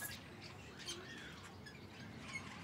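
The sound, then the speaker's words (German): Relatively large young budgerigars squawk and chatter inside a nest box, with repeated harsh, raspy calls overlapping over a steady low background hum. “Deshalb muss immer mal jemand in die Brutkästen gucken. Ja, Den stellen wir dann schon mal nach unten, weil hier sind auf jeden Fall schon relativ große Jungtiere drin.”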